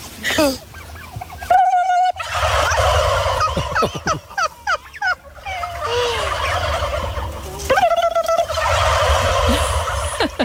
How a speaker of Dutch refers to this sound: 2 vrouwen die in Norfolk in Engeland een lange wandeling maakten, die kwamen in een veld opeens een hele hoop kalkoenen tegen. En toen de vrouwen een kalkoen na gingen doen, kwam er een massale respons.